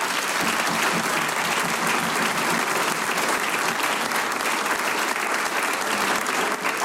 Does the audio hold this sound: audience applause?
yes